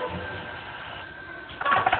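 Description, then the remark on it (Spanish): A telephone rings at night in a dark bedroom in a short, loud, trilling burst near the end, following a stretch of faint steady hum with a thin high tone running through it. “Y se despierta sobresaltado al escuchar el timbre telefónico.”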